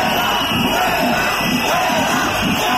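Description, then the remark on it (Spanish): A crowd of over 200 education-sector protesters shouts continuously at the former Matadero cultural centre in Huesca, Spain, as regional president Azcón approaches them under heavy police presence; rhythmic bursts of yelling rise and fall over a dense, loud wall of voices. “Azcón, bajo una fuerte presencia policial, se ha acercado a los manifestantes para intentar hablar con ellos, pero los gritos han continuado.”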